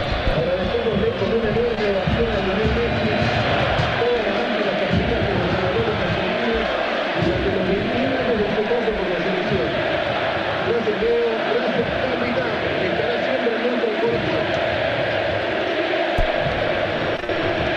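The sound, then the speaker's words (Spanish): A stadium crowd of Central football fans applauds and chants "Fideo, Fideo" in unison as a tribute to Ángel Di María, their voices rising and falling rhythmically, with a constant roar filling the space for the whole stretch. “Aplausos de los hinchas de Central y el grito de Fideo, Fideo.”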